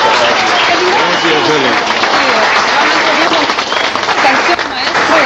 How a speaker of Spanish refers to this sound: Muchas gracias. Nuevamente un fuerte aplauso para